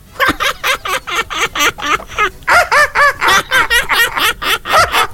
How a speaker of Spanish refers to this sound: Y pasan las gaviotas riéndose. ¿Hacen eso todo el día? Claro.